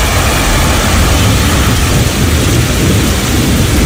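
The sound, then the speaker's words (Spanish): A summer thunderstorm: steady, loud storm noise fills the whole stretch, a deep continuous rumble of thunder rolling beneath a dense hiss of heavy rain, with no voices. “Es un calor intenso que, unido a la inestabilidad en altura, pues forma las tormentas de verano.”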